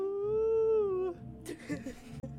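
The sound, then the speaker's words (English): A person imitates a wolf howl, one sustained rising-and-falling tonal cry lasting about a second, which trails off into breathy noise and shuffling. “Let me just howl to the moon.”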